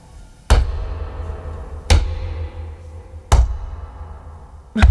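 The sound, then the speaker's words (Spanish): Four heavy, dull thuds land at a slow, even pace as someone hops on one foot in a large house, each a deep booming impact that dies away quickly, with no voices. “¿Pero vas a la pata coja o algo? ¿Para hacer ese ruido?”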